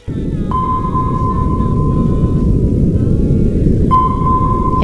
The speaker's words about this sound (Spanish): Este sonido muchos lo identificamos, no porque lo hayamos escuchado en directo, sino por las películas y todo esto, como el sonido de un radar, de un sonar, ¿no?